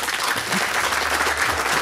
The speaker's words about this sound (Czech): A vítáme samozřejmě naše festivalové publikum, jehož potlesk právě slyšíte.